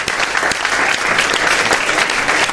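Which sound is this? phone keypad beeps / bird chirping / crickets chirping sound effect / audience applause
audience applause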